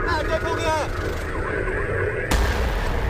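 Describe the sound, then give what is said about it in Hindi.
A deep, rumbling blast bursts in sharply near the end, following a continuous low roar and crackle of noise, with a muffled voice present underneath; an explosion staged in a security drill preparing for the Amarnath Yatra. “धमाके की आवाज सुनते ही जवान तुरंत एक्शन में आ गए, ट्रैफिक रोक दिया और पुलिस फोर्स ने चारों तरफ से इलाके को घेर लिया।”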